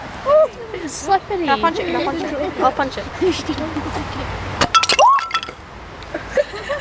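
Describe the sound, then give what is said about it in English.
Sharp, glassy taps and a brief crackle on a sheet of ice, with a few knocks clustered near the end and people talking over and around them. “It sounds like you're tapping you glass.”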